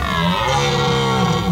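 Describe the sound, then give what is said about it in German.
A red deer stag roars in one long, loud, deep rutting bellow that carries steadily with a rough, groaning tone, unaccompanied by any voices. “Das muss ein röhrender Hirsch gewesen sein.”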